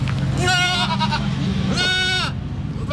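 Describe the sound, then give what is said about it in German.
Two loud, wavering bleats from goats in front of wooden houses in the goat enclosure of the zoo in Wingst, one after the other with a short pause between, over a steady outdoor background rumble. “Wir sind nämlich im Ziegengehege im Zoo hier in der Wingst.”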